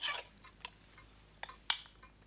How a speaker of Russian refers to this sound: В руке мамы небольшой половник. Так. Она раскладывает им овсянку.